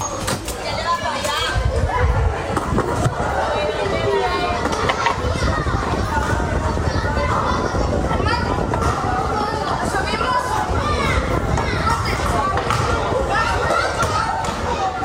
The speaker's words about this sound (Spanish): Son niños jugando al caer la tarde, corriendo, riendo, montando en bicicleta o inventando cualquier excusa para seguir un rato más en la calle